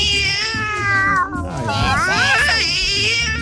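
A cat meows loudly in long, drawn-out wails whose pitch bends up and down, running almost continuously over a low, rumbling background.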